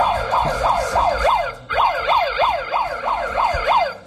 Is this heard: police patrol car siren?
yes